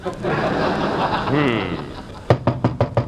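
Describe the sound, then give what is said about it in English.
A crowd's laughter and murmur fill the first two seconds, then about six sharp knocks on a door land in a quick, steady rhythm. “Remember the first time I knocked at your door 3 years ago?”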